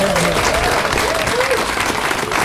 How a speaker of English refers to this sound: This highly prestigious parade and Burford Festival, it's more than just a few days. It takes an awful lot of effort, and I'm sure a round of applause would be greatly appreciated.